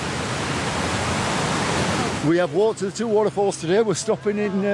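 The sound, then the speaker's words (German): A loud, steady roar of the High Force waterfall in England, one of the country's largest, where water drops 21 metres vertically, fills the first two seconds, then cuts away to a person talking over a much quieter background. “Das kräftige Rauschen kündigt ihn an, den Wasserfall High Force, der zu den größten Englands zählt.”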